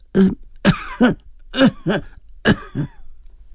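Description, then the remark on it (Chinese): A man coughs after finishing singing, short voiced bursts falling into quick pairs with brief pauses between, moderately loud, with no speech around them. “他字正腔圆地唱完，咳嗽两声”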